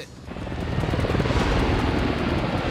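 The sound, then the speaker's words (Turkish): A helicopter passes overhead, its rotor thudding in a rapid steady pulse that swells louder within the first second and holds at a loud roar over a broad engine rumble. “Göremiyorum ama helikopterin giderek daha gürültülü olduğunu duyabiliyorum.”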